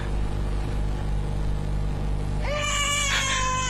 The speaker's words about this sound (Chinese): 终于一声凉凉的啼哭打破了毡房内的平静，孩子青紫的小脸蛋儿也慢慢恢复了颜色。